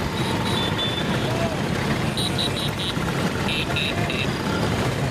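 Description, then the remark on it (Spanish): Dense traffic of Vespa scooters rumbles steadily while high-pitched horns toot in quick bursts of several short beeps, repeating three times; some 10,000 Vespas ride through the streets of Rome past the Colosseum, riders from many countries honking and carrying their national flags. “Banderas de sus países tocando el claxon, como decimos, y esa postal tan bonita, tan italiana, de las 10.000 Vespas recorriendo las calles frente al Coliseo Romano.”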